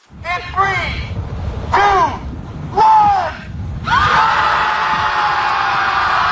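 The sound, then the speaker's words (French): A crowd of about 300 people gathered beside a lake screams in a few loud, high-pitched bursts, then breaks into a continuous, dense wall of shrieking that holds steady to the end. “Ça fait en sorte qu'ils se sont retrouvés au bout de quelques semaines à 300 à côté du lac à crier.”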